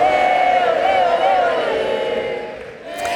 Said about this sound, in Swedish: Där hörde vi publiken sjunga när Lionel Messi spelade sin sista landskamp för Argentina.